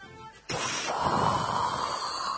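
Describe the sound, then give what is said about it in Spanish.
A person forcefully blows a long, breathy rush of air, mimicking a whale exhaling through its blowhole. The steady hiss starts abruptly and holds for about two seconds. “¿cómo hace una ballena?”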